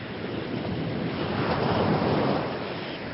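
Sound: rough sea waves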